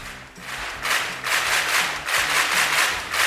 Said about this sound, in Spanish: ¿No hay aplausos? Sí, hay aplausos, claro que sí.